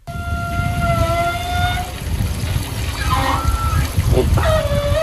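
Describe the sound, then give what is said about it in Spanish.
An outdoor body shower at Palomares beach in Almería runs in a steady rush of spraying water, with a few thin whistling tones rising and fading over the hiss. “Una ducha de cuerpo en la playa de Palomares en Almería.”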